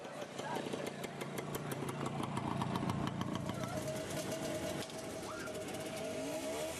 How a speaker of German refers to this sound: Draußen knatterten derweil Motoren.